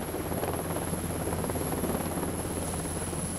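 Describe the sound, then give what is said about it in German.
A heavy 11-tonne helicopter roars steadily as it lands and takes off on the swaying steel deck of a ship during a flight exercise, its rotor thumping in a low continuous pulse beneath a broad wash of engine noise, with no voices. “Insgesamt 10-mal landet und startet der 11 Tonnen schwere Hubschrauber auf dem schwankenden Stahl.”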